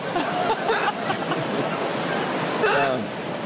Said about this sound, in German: Also was mir Hoffnung macht, so doll regnet es meist nicht lange.